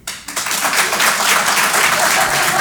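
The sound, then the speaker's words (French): A comedy show audience, those who have a gym membership and actually go, bursts into applause, many hands clapping in a dense, steady wash of sound that starts abruptly and stays loud throughout, with no voices on top. “Par applaudissement encore une fois, qui sont ceux qui ont un abonnement à la salle de sport et qui y vont?”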